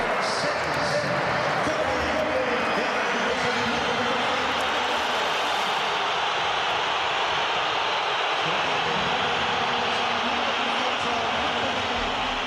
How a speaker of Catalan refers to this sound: Durant el partit i amb l'1-1 al marcador, Simeone ha fet entrar Julián Álvarez i l'afició matalassera ha respost amb una esbroncada. La sentim.